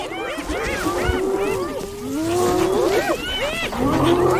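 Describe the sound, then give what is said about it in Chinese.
A lion growls low and steadily beneath a dense, noisy chorus of overlapping spotted hyena whoops and yelps, rising and falling throughout, continuous, as a crowd of spotted hyenas surrounds the lion trying to take its prey. “这只狮子必须做出选择，是放弃猎物还是主动迎战。 哦，狮子很不高兴。”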